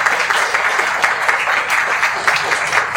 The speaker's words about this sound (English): Can we please get a warm round of applause for our people panel? Thank you.